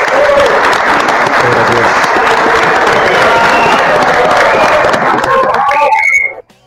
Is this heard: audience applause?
yes